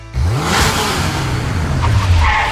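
A car engine revs up loudly, its pitch climbing and holding in a sustained roar for a couple of seconds, with a faint whooshing edge and no voices.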